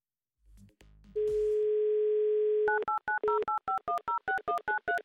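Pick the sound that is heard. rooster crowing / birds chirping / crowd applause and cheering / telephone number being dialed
telephone number being dialed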